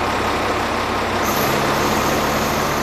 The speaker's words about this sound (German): Ein tarnfarbener Militär-LKW fährt in eine der Hallen. Vorbereitung auf eine Messe, die es in Essen noch nicht gab.